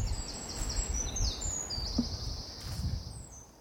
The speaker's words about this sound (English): I cannot identify the song. I cannot identify any of the songs that rise and fall in the morning woods. I walk here every morning, and I cannot name a single voice.